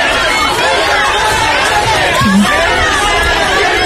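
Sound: crowd shouting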